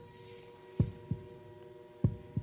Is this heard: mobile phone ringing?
no